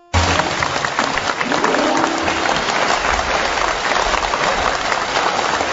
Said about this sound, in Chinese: 你看咱们哥俩这一上台 啊，大伙都给咱鼓掌， 说明大伙喜欢咱们俩。